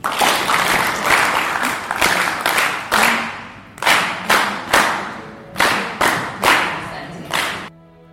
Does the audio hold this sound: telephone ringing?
no